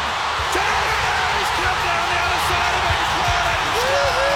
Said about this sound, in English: I mean, granted, I didn't want to see that happen, but gee, that's a good crowd reaction.